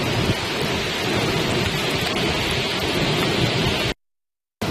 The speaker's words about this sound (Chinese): 虽然现场的雨势不断加大，但是在河谷里我们可以看到，依然是灯火通明。